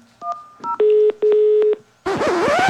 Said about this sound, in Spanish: ¿Eso qué fue? Ya no, esos sonidos todos raros de teléfono.